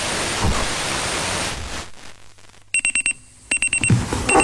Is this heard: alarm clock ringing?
yes